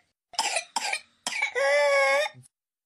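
A child's whooping cough (pertussis): three harsh, rapid coughs, then a long, high-pitched whooping gasp for breath, loud with no talking.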